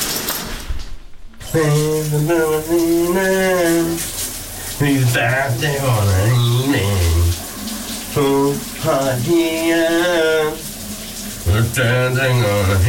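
A man sings a melody loudly while a shower runs steadily underneath, a constant hiss of spraying water filling the background throughout his phrases.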